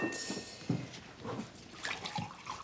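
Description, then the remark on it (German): Water pours steadily into a glass, with a splashing, gurgling trickle and a few brighter liquid bubbles, fairly quiet, lasting a few seconds with no voices. “Trinkst bestimmt auch einen Schluck Wasser.”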